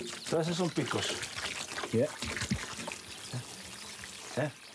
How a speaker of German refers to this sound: Leo wiederholt das Waschen und Abgießen, bis kein Stachel mehr zu sehen ist.